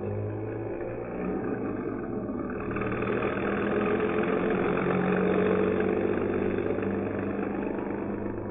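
A bus engine rumbles steadily, a continuous low drone with a faint rise in intensity partway through, running on without any voices, as the bus stops at 11:14 p.m. at the corner of University and Pryor Avenues to let a passenger aboard, then proceeds through stormy weather along Cleveland Avenue.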